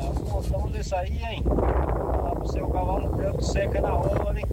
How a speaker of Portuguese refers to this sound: Chega na traia, o vento bateu ali.